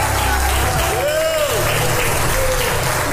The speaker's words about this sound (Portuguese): Aplauda! Eita, Jesus!